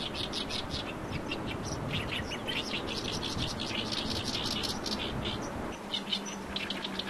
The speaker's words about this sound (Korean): 지금 들리는 소리가 가깝게 이렇게 들리는 소리가 개개비라는 소리입니다. 개개비. 개개비요? 네. 지금 이 소리? 네네네네. 이 소리가 개개비 소리가 내는 소리입니다. 새소리가 어떻게 저런 소리를 내지? 좀 특이하겠죠. 좀 뭐라 그럴까? 허스키하다 그럴까?